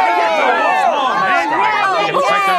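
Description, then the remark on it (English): A crowd of spectators at a children's sports game shouts and cheers at once, a loud, continuous, excited hubbub with overlapping high-pitched calls. “Oh, I love to hear all the cheers from the crowd.”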